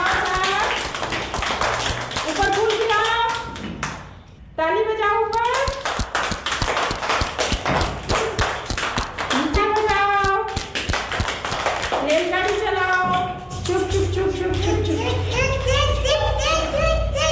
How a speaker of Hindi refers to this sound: ताली बजा सभी बच्चे।